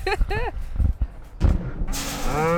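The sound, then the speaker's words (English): A farm herd of cows (15 cows, one bull and 9 calves) moos as they hurry in for feed, several drawn-out, wavering calls overlapping one another, with shuffling and background noise rising toward the end. “he first got to meet the herd of cows.”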